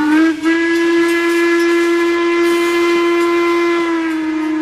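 A steam train whistle of the ice cream train at WMSR in the Appalachian Mountains blows one long, loud, sustained note, its steady tone holding for several seconds with rich overtones and no voices.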